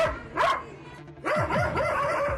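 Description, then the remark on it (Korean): Two dogs, Juju and Lucky, bark at a horse-riding stable as visiting children arrive, in sharp bursts, one loud bark early, then a rapid run of repeated barks after a brief pause, fairly loud with a harsh, agitated edge. “갑자기 개 짖는 소리도 선명하게 들립니다.”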